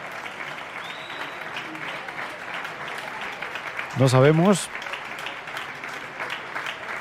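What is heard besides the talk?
audience applause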